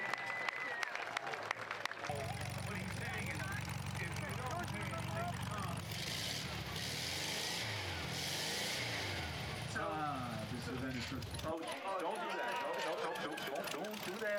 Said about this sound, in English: And sometimes the car stalls.